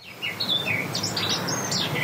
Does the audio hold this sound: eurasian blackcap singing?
yes